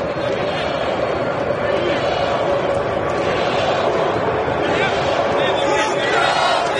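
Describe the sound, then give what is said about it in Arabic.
A large crowd of Ivorian football fans roars steadily in the stands of Dallas Stadium, supporting the Ivory Coast national team during a match: a dense wall of cheering and chanting voices that stays loud and unbroken throughout, with no individual voice standing out. “الجماهير الإيفوارية أيضا عاملة جو في مدرجات دالاس ستاديوم.”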